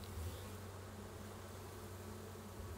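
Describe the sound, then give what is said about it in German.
A dense, steady hum of many honeybees buzzing together inside a hive, a continuous drone with no pauses and no voices, as worker bees clean their sugar-powdered sister bees. “Innerhalb kürzester Zeit putzen die Arbeiterbienen ihre bepuderten Schwestern wieder sauber.”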